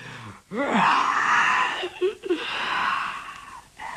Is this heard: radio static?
no